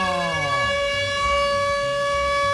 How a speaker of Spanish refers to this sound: Póngame la sirena, hágame el favor, póngame la sirena, gracias. ¡Eso!